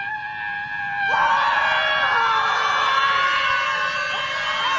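A crowd of protesters at a scream protest, standing around and screaming, screams together in one loud, sustained chorus that starts abruptly after a quieter moment and holds steadily at full force until the end.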